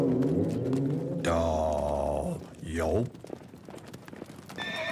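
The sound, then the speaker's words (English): A loud horse whinny with wavering, falling pitch, followed by a brief snort, then a run of quick hooves clip-clopping at a steady trot. “Lucky for us, Winchester had his name written on a rifle in his saddle. Ain't that right, Winchester?”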